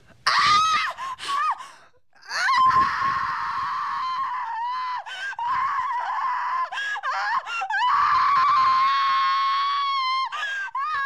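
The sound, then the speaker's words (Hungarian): A woman screams in agony at a monastery, long piercing wails with brief gasping breaks between them, loud, continuing almost without pause across the whole stretch; the scream carries to a village very far away. “A sikítás bejárja a falut, pedig a falu nagyon messze fekszik a kolostortól.”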